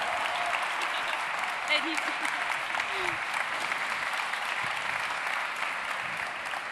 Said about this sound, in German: Und da dürfen wir nochmal laut applaudieren. Bitte einen großen Applaus für die Geschäftsführerin von Future Sachs, der Innovationsplattform hier in Sachsen,